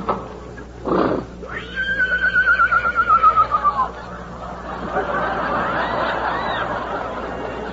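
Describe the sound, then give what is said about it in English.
A horse named Marcus Aurelius, lame from carrying two riders through a bitter storm, lets out a single loud whinny, a quavering neigh that slides downward for about two seconds, preceded by a short snort and followed by a steady rushing background. “Already the burden of us both has proved too much for this poor beast, and he is lame. It would be cruelty to ride him further.”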